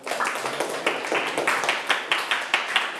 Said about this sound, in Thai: ได้ไหมได้ถูกต้องเก่งมากปรบมือเพื่อนหน่อยครับ